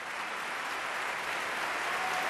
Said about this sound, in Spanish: con el piano de Rubén Fernández Aguirre, que levantó al público del Liceo, que aplaudía, como escucháis, con muchas ganas, esta interpretación.